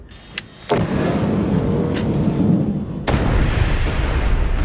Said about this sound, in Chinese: 看着爆炸时巨大的火球，我都有点后怕。